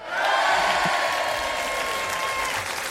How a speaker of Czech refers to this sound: No a já vám dávám tím pádem za prvé potlesk.